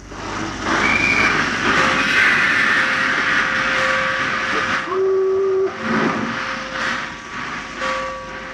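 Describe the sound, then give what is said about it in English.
A steam train slowly pulls out of a station, steam hissing loudly and steadily while whistle tones sound repeatedly, one lower blast standing out near the end; no voices. “The stocky, broad-shouldered young man stood on the platform as the train slowly chugged its way out of the station.”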